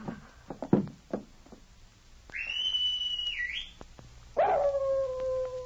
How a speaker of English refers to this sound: A white animal was racing down the trail from the mine toward the cabin door. Closer and closer. The girl could see the flash of green eyes. The animal hurled itself at the door of the cabin.